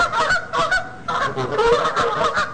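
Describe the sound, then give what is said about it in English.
A flock of geese honks in a steady, overlapping chorus, the harsh nasal calls fairly loud, repeating without pause and with no voices present. “He shows them videos of geese.”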